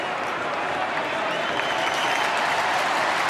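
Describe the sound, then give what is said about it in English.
A large stadium crowd at a Brisbane Lions football game roars and applauds for number 9, Lockie Neal, as his number is read out, a steady, dense wash of clapping and cheering that stays loud and even throughout, with no distinct voices standing out. “And the crowd are cheering him now.”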